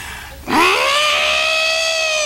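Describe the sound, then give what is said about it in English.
A voice imitates an elephant's trumpet: one loud, brassy blare that swoops up sharply in pitch, then holds a steady, strongly harmonic tone for about two seconds, with no talking. “How do they sound exactly, the elephant?”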